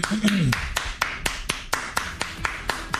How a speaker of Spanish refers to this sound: Déjale aplauso.